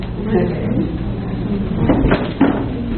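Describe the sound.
A chair is carried over and set down with a couple of short wooden knocks and scrapes near the end, over steady room noise and faint murmuring voices.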